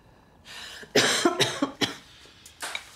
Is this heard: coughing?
yes